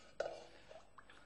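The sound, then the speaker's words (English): A quiet sip from a glass of water during an exercise session: one soft wet gulp followed by a couple of faint smaller swallowing sounds, with no talking. “Next glass of water.”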